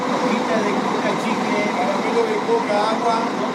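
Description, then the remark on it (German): Steady engine drone of three coach buses idling in front of the train station in Salta, Argentina, waiting for Tren a las Nubes passengers, a continuous even rumble with a murmur of indistinct voices and bustle mixed in throughout. “Vor dem Bahnhof von Salta schnurren 3 Reisebusse vor sich hin.”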